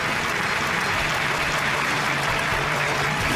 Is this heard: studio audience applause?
yes